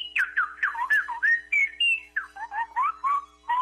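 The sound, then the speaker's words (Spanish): A woman whistles a rapid, warbling birdlike melody imitating a goldfinch, with quick chirps and trills in close succession, loud with no talking. “¿En dónde aprendió a chiflar así tan bonito?”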